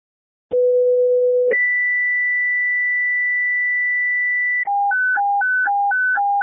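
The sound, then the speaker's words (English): Loud electronic fire dispatch paging tones for a lift assist call play alone: a brief low tone, then a long steady higher tone, followed by a rapid two-pitch warble alternating back and forth. “Emil 612 Second Tones, for a lift assist 4554 South 100 West.”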